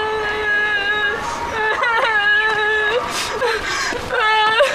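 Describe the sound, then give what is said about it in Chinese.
A child who says he was hit and had his hands whipped red cries steadily and loudly, a wavering wail whose pitch bends up and down, broken by short catches and sobbing gulps throughout. “你哭什么？”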